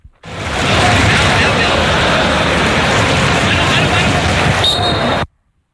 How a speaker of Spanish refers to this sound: Porque hay que afinar mucho el oído para escuchar primero el golpeo del balón y luego el pitido.